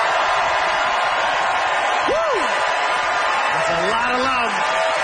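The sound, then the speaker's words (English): A crowd applauds steadily, voting by applause in a debate on dipping sauce, a dense wash of clapping lasting the whole stretch, with a couple of rising whoops and shouts cutting through partway and again near the end. “Audience, it is up to you to decide by applause”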